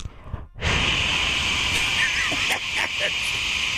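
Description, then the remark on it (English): A host imitates white noise into a microphone to quiet a crowd, a loud, steady breathy hiss that starts after a brief pause and holds for about three seconds, with slight wavering in the rushing sound. “And I create white noise over the mics.”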